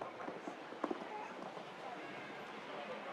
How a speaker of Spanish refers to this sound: Iglesias es un caballo un poquito más rápido en su galope que el del japonés